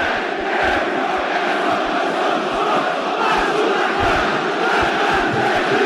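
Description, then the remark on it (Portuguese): A huge crowd of Vasco fans at São Januário stadium roars and cheers after a goal that puts Vasco 2-0 up, a dense, loud, sustained wall of voices with shouts rising out of it, steady throughout with no pauses. “Essa torcida maravilhosa explodir de alegria.”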